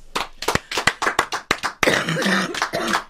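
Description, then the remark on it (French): A scattered handful of hand claps rings out, then gives way to denser clapping, with a rough cough breaking through partway. No one speaks. “Pas tousser pendant les applaudissements.”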